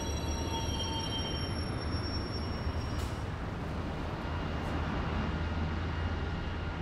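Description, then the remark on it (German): A long-distance train rumbles steadily through a railway station where most long-distance trains from European capitals end, loud, with thin high-pitched wheel or brake squeals ringing over the heavy rolling noise in the first few seconds. “Hier enden die meisten Fernzüge aus europäischen Hauptstädten, so aus Rom, Stockholm, London oder Warschau.”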